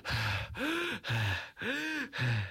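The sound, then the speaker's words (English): A voice imitates heavy, panicked breathing of a distressed young woman sitting on a chair in a told story: five rapid, loud gasping breaths alternating in and out with barely a pause, close to the microphone and with no speech. “As Brooke sat on the chair, she was breathing a lot like this.”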